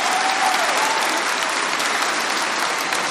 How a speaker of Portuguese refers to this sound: Porque Deus quando cura, pode aplaudir bem forte, você está vendo os sinais.